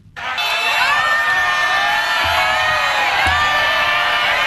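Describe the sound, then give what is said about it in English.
A large outdoor crowd in the streets of Bangkok cheers and whoops continuously as Thaksin Shinawatra is released from prison on parole, a dense wall of overlapping shouts and excited voices that stays loud and steady throughout, with a couple of low thumps underneath. “Crowds filled the streets of Bangkok to catch a glimpse of Thaksin Shinawat being released from prison on parole.”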